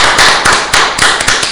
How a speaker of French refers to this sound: Alors, nous t'applaudissons bien fort.